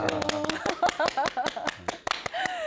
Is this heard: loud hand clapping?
yes